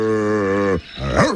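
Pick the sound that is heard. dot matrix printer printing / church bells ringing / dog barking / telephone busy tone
dog barking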